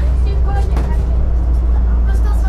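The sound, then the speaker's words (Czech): Steady low engine rumble fills the inside of a moving city public-transport bus carrying primary school pupils on a special ride through Havlíčkův Brod with commentary on the town's history and transport, with faint murmuring voices and rattles of the ride underneath. “Část výuky teď žáci z Havlíčkobrodských základních škol absolvují v autobusech městské hromadné dopravy”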